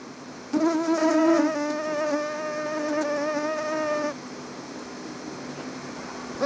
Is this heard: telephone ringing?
no